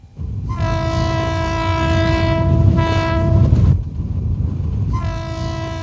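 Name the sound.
train passing on railway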